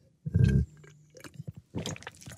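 A sip from a drink after a toast during the NDR 2 morning radio show: a short thump at the glass, then wet mouth noises, a soft swallow and a smack of the lips, with no talking.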